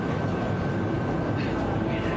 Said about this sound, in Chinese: 在地铁里，您说。